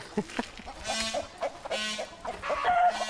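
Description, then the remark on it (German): Chickens cluck and squawk in a busy, irregular chorus, with short choppy clucks mixed with longer, strained, nasal calls, fairly loud and with no voices over them. “Achtung, Hühner, pass auf, das sind Raubtiere.”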